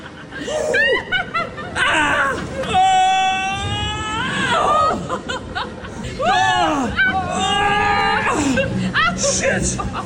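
Several people shriek and squeal excitedly on a roller coaster simulator, loud high-pitched screams rising and falling in pitch, mixed with bursts of laughter across the whole stretch.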